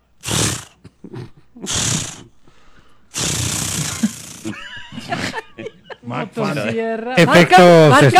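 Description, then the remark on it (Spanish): A person vocally imitates a chainsaw being started: two short rasping pulls, then a longer sputtering roar, followed by choppy revving noises and a final strained, wavering whine, all loud and close. “No, pero estaba sonando bueno el intento de encendido.”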